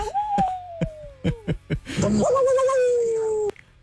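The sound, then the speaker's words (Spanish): Voices imitate a dog: a long, steady whine that slowly drops in pitch, broken by a series of short breathy puffs like a hot dog panting with its tongue out, then a second sustained whimpering howl. “¿Cómo le hacen los perros?”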